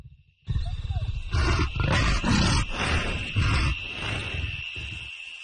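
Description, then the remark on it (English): At night, a leopard circling a house after missing a kill gives a run of harsh, rasping coughs in a steady sawing rhythm, loud and gruff, one burst after another with barely a break for about five seconds. “One long, tense night, a leopard circled our house, coughing without pause after it missed a kill.”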